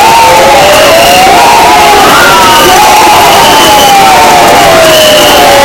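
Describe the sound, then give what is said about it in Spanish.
A loud, dense crowd in Lugo, Galicia, roars continuously, booing and shouting "Lugo no paga traidores" as Elena Candia becomes the city's new mayor, with sustained raised voices and drawn-out jeering tones rising and falling across the whole stretch, unbroken. “Entre abucheos y gritos de Lugo no paga traidores, Elena Candia se convierte en nueva alcaldesa de la ciudad, una alcaldía que se le resistía al Partido Popular en las urnas y a la que accede vía moción de censura”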